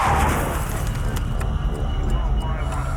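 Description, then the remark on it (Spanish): A short high squeal of tires gives way to a heavy, rumbling crash, with several sharp metallic clanks and debris hits scattered through a loud, dense roar, as a large black Audi on a highway crosses the central median and crashes into a minivan carrying a family of five. “Y antes de tener siquiera la oportunidad de reaccionar, escuchó a su esposa gritar y vio a un gran Audi negro que se lanzaba directo contra su auto. Solo pudo girar el volante. Se escuchó un chirrido y todo terminó.”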